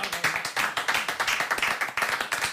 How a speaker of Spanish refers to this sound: Un fuerte aplauso para nos.